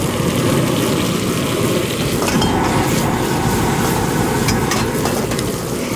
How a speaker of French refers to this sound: Bon, ça sonne comme un brûleur. C'est du propane, on dirait. Ouais, une vieille flamme. Puis il a l'air d'avoir une casserole. Donc, on est au restaurant? On est au marché Parkdale.